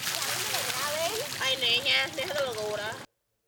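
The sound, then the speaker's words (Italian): Water splashes and sloshes steadily outdoors as people, children and horses wash together in the open, while several voices call and chatter over it; the busy splashing carries on for about three seconds before cutting off abruptly. “La si prende allora dove c'è. Ci si lava insieme all'aperto, bambini e cavalli.”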